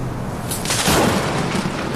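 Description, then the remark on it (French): A sharp thunderclap from a lightning strike behind the Pic Saint-Loup cracks loudly about half a second in, then rolls into a low, rumbling tail that lingers over a steady background hiss. “Là, ce que tu entends, c'est les coups de foudre.”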